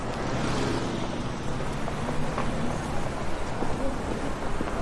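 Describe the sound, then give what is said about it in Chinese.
Steady, heavy rain hisses without a break, with a low, continuous rumble of thunder rolling underneath. No one speaks. “你今晚打雷啊？”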